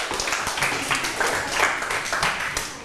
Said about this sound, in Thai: เก่งมากๆเลยครับปรบมือตัวเองดังๆได้เลย